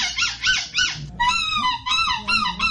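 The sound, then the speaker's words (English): A contender in a seagull-call imitation contest imitates seagull cries: three sharp rising-and-falling squawks, then a longer string of high, wavering, nasal calls, loud and with no talking. “Maybe one of us will make a seagull noise.”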